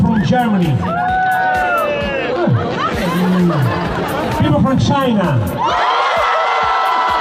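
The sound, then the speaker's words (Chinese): A large crowd in a square in Italy cheers and whoops loudly with excited shouts and chatter overlapping, answering a performer who asked whether anyone in the audience was from China; a sustained burst of crowd noise that stays dense throughout, shifting to a brighter roar near the end. “在意大利的一个广场上，表演者现场互动，问现场观众有人来自中国吗，全场欢呼应和。”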